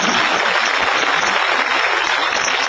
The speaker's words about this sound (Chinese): 哎呦，真不容易，给鼓鼓掌吧。